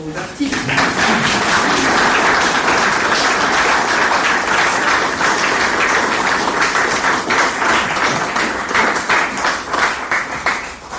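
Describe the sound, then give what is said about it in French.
A crowd applauds the team steadily for about eleven seconds, a dense, loud wash of many hands clapping with a few sharper individual claps standing out. “Et vos applaudissements que je vous invite à concrétiser vont d'abord pour eux.”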